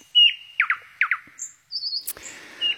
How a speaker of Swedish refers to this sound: Ja, de tekniska förutsättningarna har förändrats en smula, men näktergalssången är densamma.